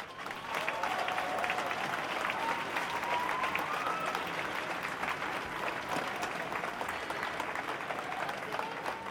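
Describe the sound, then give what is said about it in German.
A crowd at a protest applauds steadily for several seconds to welcome the next speaker, a dense, even wash of clapping at constant loudness, with a faint tonal sound drifting beneath it. “Großen Applaus bitte.”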